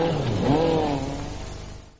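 A Skoda Super Estel car engine revs loudly, its pitch rising and then falling away as the roar gradually fades over about two seconds, with no voices present.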